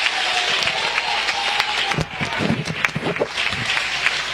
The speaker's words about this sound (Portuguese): Glória a Deus, glória a Deus, glória a Deus. Aplausos para Jesus. Aplausos para Jesus.